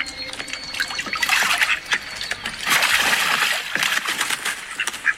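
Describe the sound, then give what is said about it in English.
Lively splashing and sloshing of water, with repeated bursts of spattering and flicking droplets as a small call duck flaps and paddles in a shallow pool. “Are you enjoying your swim, Richard?”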